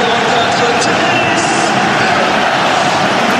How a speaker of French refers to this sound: Écoutez l'ovation pour Ernest Nouama. Ah ouais, elle est belle, hein. Il applaudit le Groupama Stadium pour son retour, Ernest Nouama.